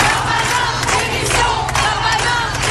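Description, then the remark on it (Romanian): A large protest crowd in France chants and shouts for the French justice minister's resignation in a loud, unbroken roar, voices blending into a dense wall of sound with rhythmic surges. “Ministrul francez al justiției promite măsuri dure, oamenii îi strigă însă demisia.”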